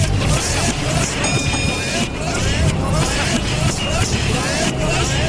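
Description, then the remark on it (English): A single bright electronic ding of a bus stop request bell rings out briefly over the steady rumble of a bus engine, with indistinct chatter from passengers in the background. “That bus bell. That's just the bus bell.”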